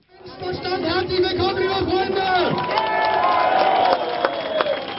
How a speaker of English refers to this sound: The crowd cheers at an Alternative for Deutschland rally in the town of Querfurt. It's here in the region of Saxony-Anhalt that the far-right party is aiming to take power at a state level for the very first time.